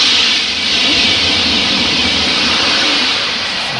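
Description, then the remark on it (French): A TGV high-speed train roars past in a loud, continuous rush of hissing, wind-like noise with a low rumble underneath, holding steady throughout without any voices. “Un train, un TGV. Exactement.”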